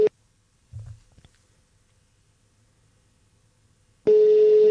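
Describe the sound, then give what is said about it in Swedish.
A telephone busy signal on an unanswered outgoing call: a brief electronic tone at the start, about four seconds of near silence with a soft bump, then the steady tone returns loudly at the end. “Tänker om jag ringer Kenneth och ser vad han säger.”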